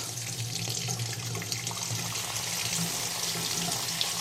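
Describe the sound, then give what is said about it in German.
Hot water runs steadily from a bathroom tap, pouring in a continuous rushing stream, with a faint low hum underneath and no voices. “Heißes Wasser kommt.”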